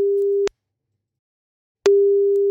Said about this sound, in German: Ich tippe die Nummer mal eben ein und dann hoffen wir mal, dass er auch ans Telefon geht, denn das ist, wie sagen wir immer so schön, Grundvoraussetzung.